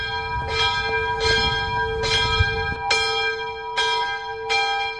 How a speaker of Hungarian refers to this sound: László előveszi az okostelefonját, bekapcsol egy alkalmazást, és megszólal a harang